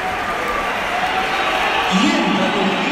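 A large stadium crowd at the Bernabéu, during Real Madrid against Real Oviedo, roars steadily with a shrill, sustained layer of whistling jeers aimed at Kylian Mbappé, swelling louder near the end; no clear speech stands out.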